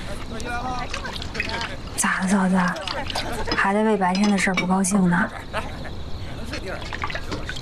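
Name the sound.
dishes and cutlery clinking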